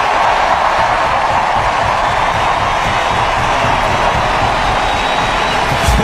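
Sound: stadium crowd cheering loudly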